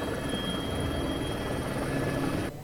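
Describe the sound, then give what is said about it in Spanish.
The rescue helicopter La Milana, evacuating a man in the Pas del Diable area of Escorca: its rotor thumps steadily and loudly overhead, a continuous throbbing drone with a whining engine tone, cutting off abruptly near the end. No one speaks. “Hasta el lugar se desplazó el grupo de rescate de montaña, que lo aseguró y lo evacuó con la ayuda del helicóptero La Milana.”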